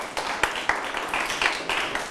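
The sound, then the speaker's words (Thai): A classroom of students claps for a classmate who gave a correct answer, a quick, uneven patter of many hands, with a few sharper individual claps standing out over the steady rustle of applause. “ถูกต้องไหมครับถูกต้องปรบมือให้เพื่อน”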